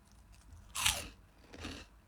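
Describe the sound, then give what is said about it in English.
Two crisp, crackly crunches of someone biting into cheese chips, the first louder and the second a moment later, with no talking. “Listen to that. Look, crunch.”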